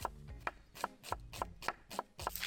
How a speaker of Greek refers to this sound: Κόβουμε τα κρεμμύδια σε λεπτές φέτες.